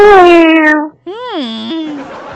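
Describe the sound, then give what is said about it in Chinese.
A kitten meows twice, first a long, steady, slightly falling cry, then after a brief pause a louder mew that rises and falls before trailing off. “我来给你听，再给你听那小猫猫的声音。”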